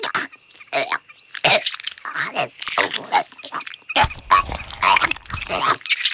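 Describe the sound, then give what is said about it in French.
A barn owl regurgitates a pellet a few hours after its meal: a fairly loud run of harsh, wheezy gagging and hacking bursts in irregular succession, with rasping coughs and croaks and no talking. “Oh, c'est dégoûtant, la chouette vomit.”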